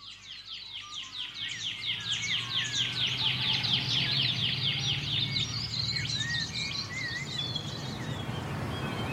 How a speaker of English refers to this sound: I can hear the pardalote, but that sort of pew, pew, pew, pew. Yeah, I think that might be a shining bronze cuckoo.